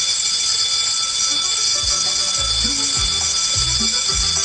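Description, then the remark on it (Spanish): A school's electric bell or buzzer, rung to call students into the classroom, rings continuously, a loud, steady high-pitched metallic tone with dense harmonics, over faint low thumps and background noise, with no one speaking. “Vamos a tocar el timbre.”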